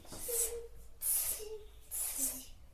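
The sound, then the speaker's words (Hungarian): A child makes three sharp, breathy hissing sounds, imitating calling a cat, each burst about half a second long with short pauses between. “Jó, hívjuk a cicát.”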